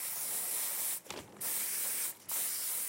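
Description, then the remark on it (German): A spray paint can hisses steadily as paint is sprayed onto a wall, with two brief pauses where the nozzle is released before spraying resumes. Fairly loud, and no voices. “Er bemalt Wände und andere Flächen mit der Sprühdose.”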